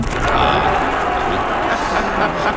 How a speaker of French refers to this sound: Et la foule qui applaudit.